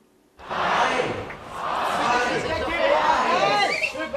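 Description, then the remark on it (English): A large crowd at the opening of Germany's Oktoberfest beer festival in Munich roars and chatters after a brief silence, a dense wash of many voices and cheers that swells and stays loud for several seconds, as the mayor opens the first keg with traditional hammer strikes. “Munich's Mayor Dominic Kraus performed traditional hammer strikes to open the first keg after first asking the crowd gathered whether they were thirsty.”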